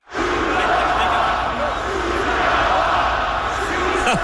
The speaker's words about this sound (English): What? 20,000 people yelling, shoot the puck.